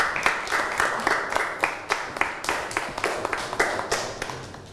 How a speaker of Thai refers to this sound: ปรบมือให้กลุ่มที่3ครับ